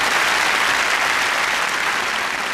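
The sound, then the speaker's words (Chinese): Steady audience applause for a performer about to demonstrate old-style street-vendor calls, a dense wash of many hands clapping at a constant loud level throughout, with no voices standing out above it. “借这个机会，今儿哎，咱来点掌声，让他给大伙展示一回，行不行？”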